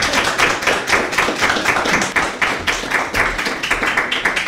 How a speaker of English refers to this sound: Please clap so loudly for Dr. Adam Henze.